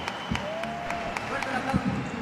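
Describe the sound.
An audience applauds the Mariachi Cultural Universitario Aztlán of the Universidad Autónoma del Estado de Hidalgo. A dense wash of clapping carries a steady, regular beat of sharper claps, while voices carry on over the noise.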